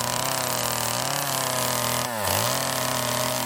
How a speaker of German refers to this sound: Aber jetzt gibt es ehrliche Handarbeit. Kettensägenarbeiten.